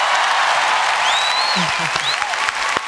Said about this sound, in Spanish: Ovación para la creadora de nuestra nueva sintonía.